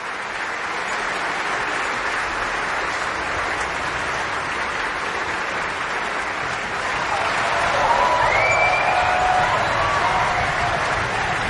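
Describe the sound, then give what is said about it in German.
Sustained applause from the audience at a Götterdämmerung performance in Bayreuth, for Camilla Nühl as Brünnhilde as she leaves the stage, a dense steady clatter of many hands swelling slightly louder near the end, with faint cheers rising above it. “Dieser Applaus ist für Camilla Nühl und die Brünnhilde heute Abend.”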